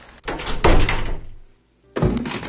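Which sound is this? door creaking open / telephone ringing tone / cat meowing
door creaking open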